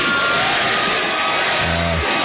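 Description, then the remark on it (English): A large outdoor festival crowd at a country music concert in Texas roars and cheers in a loud, continuous wash of noise, chanting 'Granny' as a 99-year-old woman crowd surfs, with a single voice shouting out clearly above it near the end. “Crowd started chanting, Granny, Granny, as she crowd surfed for about a minute at the Rock the Country Festival in Texas”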